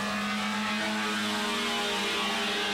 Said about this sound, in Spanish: Ahí están mis amigos monomarca Fiat. Hoy vienen acelerando pleno. Les voy a poner a rugir, escuchen. Hoy viene primero Yáñez, segundo Diamani. Mirá cómo aceleran, escuchen.